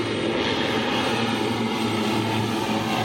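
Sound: airplane engine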